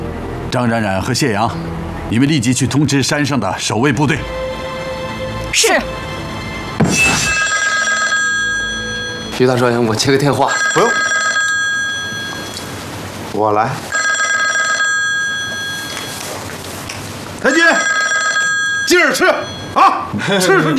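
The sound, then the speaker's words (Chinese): A telephone bell rings loudly in four repeated bursts of about two seconds each, with people talking at the start and briefly between the rings. “我接个电话。”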